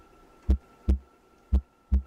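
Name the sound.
human heartbeat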